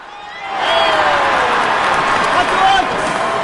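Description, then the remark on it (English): A large crowd roars at a baseball game at Fenway Park in Boston, swelling up after a brief moment into a dense, continuous wash of voices and cheering that stays loud and steady throughout, as hawkers sell hot dogs among the fans. “Amid the roaring crowd, hawkers zip through rows of fans at Fenway with metal warming boxes balanced on their heads.”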